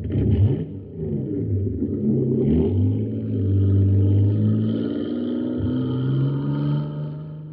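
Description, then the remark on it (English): The engine of the Shooting Star, a jet boat in a race on Mars, newly filled with super fuel, revs hard and accelerates, its loud, rising whine climbing in pitch with a rough rumbling undertone, a brief dip midway before surging on steadily. “Wow, look at the Shooting Star go.”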